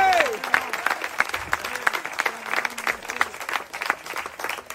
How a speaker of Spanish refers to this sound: Dele un aplauso al Cristo de la gloria.